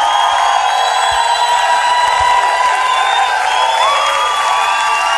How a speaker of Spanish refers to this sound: Dale ese fuerte aplauso al señor. ¡Con fuerza!